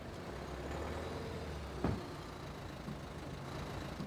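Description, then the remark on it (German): A car damaged in a fender-bender, with the driver unhurt, is checked to see whether it still moves. It rolls slowly forward with a steady, low engine rumble, broken by one brief clunk partway through; no one speaks. “Ja, das sieht gut aus, der rollt noch.”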